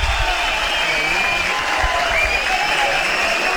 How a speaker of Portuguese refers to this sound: O Vinícius vai sair, sendo aplaudido aqui pelo torcedor, olha só.